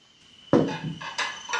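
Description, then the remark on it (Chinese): Coffee dishes clatter on a tray as Julia carries it to the kitchen, a sharp clink followed by several lighter, bright rattles of china knocking together, with no voices. “茱莉亚把咖啡盘端到厨房”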